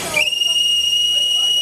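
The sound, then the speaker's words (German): An oil-fired steam locomotive from the historic Rhaetian Railway fleet sounds its whistle, a loud, steady, high-pitched blast that holds for the full length after a brief breathy onset, while hauling a festive inaugural train from Landquart to Schiers. “Dafür hätte andere Dampflokomotive dürfen einspringen.”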